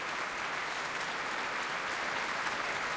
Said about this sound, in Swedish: Applåder efter urförandet av Molly Keynes, A Demon in the Sky, som vi har hört här med Radiokören och Sveriges Radios symfoniorkester under ledning av Andres Orozco Estrada.